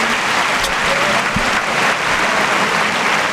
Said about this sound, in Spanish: Gran ovación para Borja Jiménez.